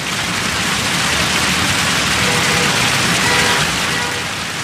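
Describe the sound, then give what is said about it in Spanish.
Steady rushing and splashing of the fountains' water in the Glorieta de España in Murcia, Spain, a dense continuous hiss that holds at an even, fairly loud level for the whole stretch, with a faint low rumble underneath and no voices. “El agua de sus fuentes corre ajena a lo que hace 15 años albergó el germen de la nueva política.”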